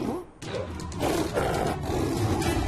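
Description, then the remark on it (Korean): A lion climbing up toward where the mayor is lets out a loud, rumbling roar that swells after a brief pause and holds steady for about two seconds, with a rough, growling texture throughout. “사자가 구대 시장님 계신 데로 올라가고 있어.”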